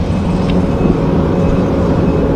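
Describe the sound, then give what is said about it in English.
Construction noise heard at noon from three or more blocks away from the Regina Mosque in Regina: a steady, low rumbling drone that holds at an even loudness throughout, with a brief faint higher tone near the start and no voices. “Not crickets, just the sound of construction.”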